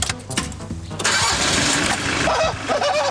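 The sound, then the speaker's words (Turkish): An engine is cranked by its starter in a short rhythmic grind for about a second, then catches and roars into a loud, steady running rumble that continues to the end. “Çalıştı. Hadi oğlum. Aha işledi şimdi.”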